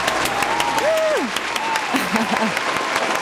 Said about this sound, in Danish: Har vi ikke lige en klapsalve? Vi har en klapsalve.